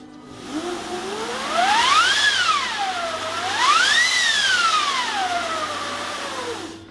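A large orchestral wind machine, used for the "Winds of Hell" effect in a first movement, is cranked in two long swells, its whooshing howl rising and falling in pitch like gusting wind, loud and sustained over a low steady hum.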